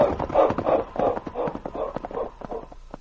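Horse hooves clip-clop in a quick, steady rhythm as Sergeant Preston and Kate ride off along a trail with King, heading back to Dundee; a string of hollow knocking beats that stays fairly loud throughout, with no voices over them.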